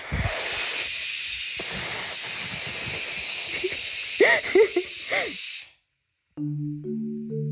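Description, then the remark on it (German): A pressure cooker cooking rice and lentils (khichdi) lets off a loud, steady jet of hissing steam for several seconds, with wavering whistle tones rising near the end before it abruptly stops; a few low tones follow. “Und wegen Dampf, Reis und Linsen wird gekocht. Es pfeift 2, 3 Mal.”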